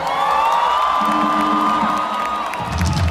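A large audience roars with sustained cheering and shrill whistles, a dense, loud wall of crowd noise that holds steady throughout, with scattered whoops rising above it.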